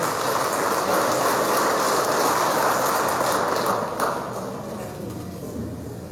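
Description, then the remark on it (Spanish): An audience in Cochabamba applauds to welcome engineer Glover García Carvalho, president of the Departmental Legislative Assembly of Cochabamba, in a dense, steady wash of clapping for several seconds, then the sound thins and softens a little toward the end without stopping. “Recibimos con un fuerte aplauso al ingeniero Glover García Carvalho. Fuerte aplauso, por favor.”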